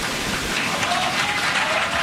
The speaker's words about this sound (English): Some people applauded Macron, but the video of the incident has and a backlash against the French leader has begun.